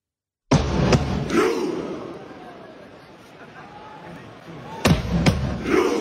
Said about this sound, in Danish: Og der skal du altså se for dig. Fanføren, der står og trummer, og så råber de alle sammen ro, og så laver de en robevægelse med hænderne, så vi har fuld knald på langbåden ud af fjorden, ikke?